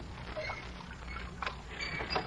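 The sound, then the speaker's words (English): Oars creak in their oarlocks as a rowboat is rowed, with a couple of soft splashing strokes over a low rumble of water, steady, with no one talking. “You row a boat beautifully, Mr.”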